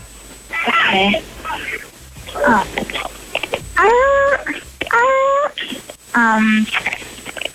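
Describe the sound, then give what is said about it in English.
A person imitates a seal's bark with about five loud, nasal, wavering calls, each a second or less, separated by short pauses and rising and falling in pitch. “Can you bark like a seal for me real quick?”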